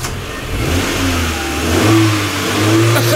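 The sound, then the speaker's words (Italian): A 1970s Cadet car engine revs loudly, its deep rumbling tone climbing and holding steady for a few seconds, with no voices present. “Cadet, macchina anni 70.”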